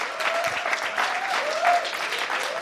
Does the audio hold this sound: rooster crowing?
no